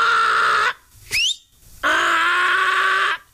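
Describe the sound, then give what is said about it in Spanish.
A person's voice mimics a donkey's bray in a school classroom: two long, loud, raspy honks separated by a short squeaky rising whine, with no talking. “Estaba el profesor dictando clase allí en el salón de clases de la escuela, y cada vez que el profesor hablaba, se escuchaba por allá al fondo el rebuznar de un burro.”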